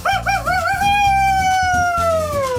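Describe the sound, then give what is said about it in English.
A single long, wolf-like howl that wavers at first, then holds a steady tone and slowly falls in pitch, loud, with low background music underneath. “He howls at the moon every night, just like that.”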